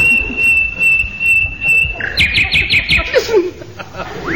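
An English bird cries out loudly: a long, steady high whistle, then a quick run of bright repeated chirps and a couple of falling notes, over a low murmur of background noise.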